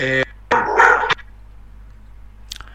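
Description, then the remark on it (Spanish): A dog gives two sharp barks during a live interview at Radio Natura, a short yip and then a longer, rougher bark, followed by quiet hum and a faint brief sound near the end. “Es el perro que está quiere entrevistarse”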